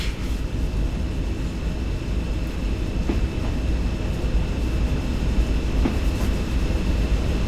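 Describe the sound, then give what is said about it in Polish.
A steady low rumble of a locomotive slowly pulling wagons along the rails to leave them in their proper place, with faint periodic clicks of wheels over joints and a constant mechanical drone, no voices. “Trzeba te wagony zostawić w odpowiednim miejscu i lokomotywę też odstawić na miejsce.”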